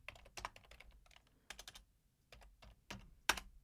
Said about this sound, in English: Can you guys hear my keyboard?